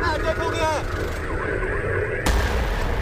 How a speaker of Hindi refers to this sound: ये तस्वीरें हकीकत नहीं, मगर अमरनाथ यात्रा के दौरान असलियत में अगर ऐसा हो तो हालात से निपटना कैसा है, ये उसी की तैयारी है। धमाके की आवाज सुनते ही जवान तुरंत एक्शन में आ गए, ट्रैफिक रोक दिया और पुलिस फोर्स ने चारों तरफ से इलाके को घेर लिया।